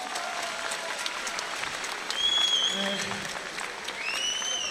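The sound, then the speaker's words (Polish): Sustained audience applause after a fight, a dense wash of many hands clapping with a brief whistle and scattered cheers, swelling slightly partway through. “Także wielkie brawa dla”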